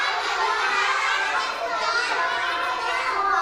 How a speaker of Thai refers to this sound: ถ้าตอบพร้อมกันทุกคนครูกุ้งจะได้คำตอบที่ดีไหมคะไม่ได้ต้องปิดหูเลยเพราะเสียงดังเนาะ